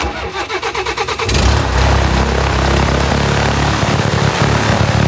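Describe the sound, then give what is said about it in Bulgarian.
A privately owned small airplane's engine cranks in rhythmic pulses for over a second, then catches and roars into a steady, loud propeller drone with no voices. “Взех се ето този малкия самолет, изкарах курса.”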